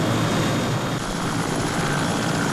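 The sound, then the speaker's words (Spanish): Several helicopters fly overhead, their rotors producing a continuous loud, dense roar with a low rhythmic throb throughout, no voices present. “Ya al cabo, como el día 12, observé unos helicópteros sobrevolando.”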